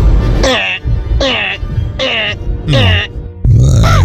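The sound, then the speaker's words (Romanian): A person imitates a seagull, voicing a string of harsh, guttural squawks, about five rough cries in a steady rhythm, loud, each with a falling raspy tone. “Păi, nu știm, nu mai știm să vorbim pescărușa sau...”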